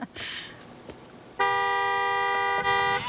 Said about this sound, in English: Okay, try the horn again.